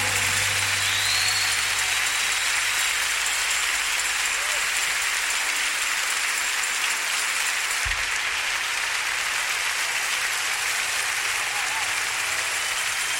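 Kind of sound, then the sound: crowd, audience applauding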